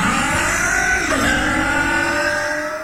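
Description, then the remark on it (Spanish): A motorcycle engine revs loud, its whine climbing in pitch midway and then holding a sustained, throaty roar for the rest of the moment. “Logra más potencia en tu moto.”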